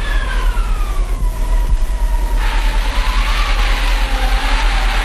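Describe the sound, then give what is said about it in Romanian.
Howling wind with eerie, gliding whistle-like tones over a steady low roar; a broad hissing gust swells louder about halfway through and holds. No voices. “Da, vântul este acest prieten al meu.”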